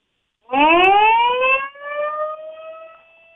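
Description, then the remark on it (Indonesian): A siren sounded to mark the official launch of the logo for Indonesia's 81st Independence Day winds up quickly from a low pitch to a high, steady wail and holds it for about three seconds before beginning to fade. No voices are heard. “baru saja di hutan Sirine sebagai simbol sudah diresmikan logo untuk HUT RI ke-81”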